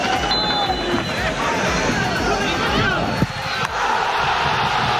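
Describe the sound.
A stadium crowd at the new Creu Alta roars in euphoric cheers after Urri's 89th-minute penalty goal for Sabadell in a 3-2 win against Córdoba, a dense, loud wall of voices at full volume throughout, with a few brief sharp bangs and whistles cutting through.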